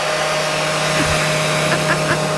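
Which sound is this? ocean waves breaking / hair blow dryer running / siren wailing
hair blow dryer running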